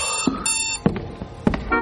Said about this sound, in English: My alarm goes off.